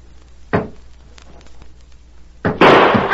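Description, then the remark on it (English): A single sharp gunshot cracks out, fired point blank at a door with the bullet going through it, followed moments later by a second, louder blast that roars and lingers to the end, with no voices. “I fired point blank at that door. You can see where the bullet went through it.”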